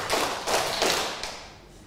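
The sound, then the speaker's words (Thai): A group of children claps three times on instruction, in three loose, evenly spaced bursts of noisy smacks, moderately loud with no talking, before fading into quiet. “ปรบมือสามครั้งค่ะ”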